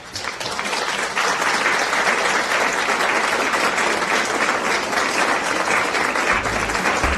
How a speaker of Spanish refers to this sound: Y ustedes tienen aplausos.